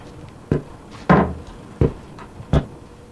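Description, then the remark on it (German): A door is handled, with a few sharp wooden clunks and a heavier thud as it opens and swings, spaced unevenly over a few seconds, with no voices. “Einfach durch die Tür da hinten.”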